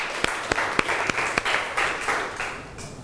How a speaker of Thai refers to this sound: ขอเสียงปรบมือให้ตัวเองอีกครั้งหนึ่งครับ